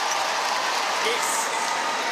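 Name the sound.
stadium crowd noise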